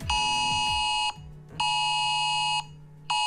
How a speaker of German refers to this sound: Ja, heute findet um 11 Uhr wieder der Warntag statt. Also der Tag, an dem die Sirenen getestet werden, auch die auf dem Handy. Klingt dann so.